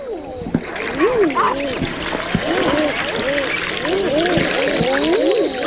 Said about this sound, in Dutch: Ja, wat is dit? Dat is de balsroep van de eider. Het klinkt een beetje als een verbaasde oma, vond ik. Ja. Dus dat is een supermooi geluid.